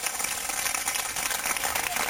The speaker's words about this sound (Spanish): Dale fuerte ese aplauso al Señor en esta hora.